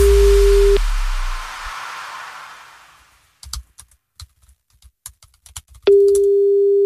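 A steady electronic telephone ring tone, ringing before a voicemail answers, sounds briefly, fades into a soft hiss, then after a stretch of light clicking and tapping the same flat tone returns and holds at the end.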